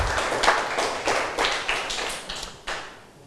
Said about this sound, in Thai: ปรบมือให้นักเรียนทุกคนหน่อยนะครับ